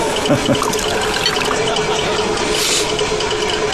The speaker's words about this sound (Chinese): 把酒给你满上，把酒满上。3杯，连干3杯。